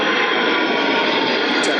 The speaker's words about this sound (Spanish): Ahí están esos aviones militares boicoteando los micros de raíz.